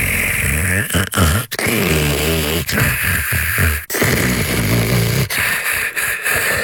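Loud, rasping snoring fills the whole stretch, a rumbling, throaty drone broken by short gasping pauses, with no speech.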